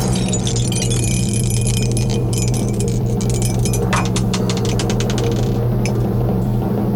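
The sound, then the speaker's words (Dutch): Dice rattle and clatter inside a dice cup in a cellar in a quick, busy shake of overlapping clicks over a steady low hum, then taper off and settle; the roll comes up a one. “Ik ga naar de kelder, want daar staat mijn dobbelsteenbekertje.”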